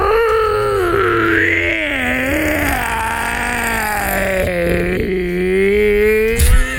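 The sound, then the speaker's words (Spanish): A person's voice imitates a long, hoarse, wolf-like howl, like a hoarse wolf with throat problems, one continuous rough wail that rises, dips and wavers in pitch for several seconds, loud, with no other talk. “Hacía un aullido como si fuera un lobo. ¿Cómo? Pero un lobo ronco, así como con problemas en la garganta.”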